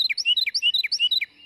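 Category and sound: bird, carolina wren song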